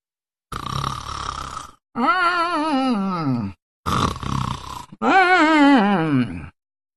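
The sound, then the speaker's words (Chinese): A voice imitates loud, strange snoring: two cycles, each a harsh, rasping inhale followed by a long, wavering, downward-sliding groan on the exhale, alone. “就他这呼噜一唱三叹，怪异非常。”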